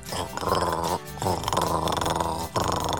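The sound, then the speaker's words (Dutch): A voice imitates dry gargling without water: a loud, rasping, throaty rolled R rattling at the back of the throat, repeated in three long bursts with brief breaths between. “Nou, je was aan het gorgelen. Zonder water.”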